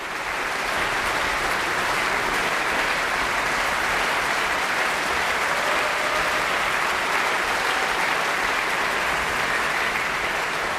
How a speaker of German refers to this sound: Mit einem klangprächtigen Finale und triumphierendem Jubel endet Peter Tschaikowskis 5. Sinfonie, die sogenannte Schicksalssinfonie. Und Jubelrufe hat das Publikum auch für das Mahler Chamber Orchestra und den Dirigenten Maxim Jemeljanitschew bereit.